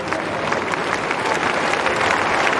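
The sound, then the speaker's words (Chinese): A crowd of spectators at a tennis match claps steadily for Zverev, a dense, even wash of applause that holds at full strength for the whole few seconds, with no voices standing out. “这现场的观众也在给兹维列夫加油，为他鼓掌”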